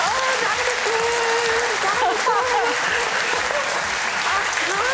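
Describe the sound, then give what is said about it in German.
A studio audience applauds steadily and loudly for the full five seconds, with whoops and cheering voices rising over the dense clapping, as a trip to Singapore is announced as a prize. “Es geht für Sie, genau, Sie hören es schon aus dem Publikum, nach Singapur geht es für Sie.”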